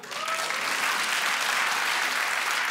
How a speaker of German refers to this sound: Habt ihr Kinder? Einmal per Applaus.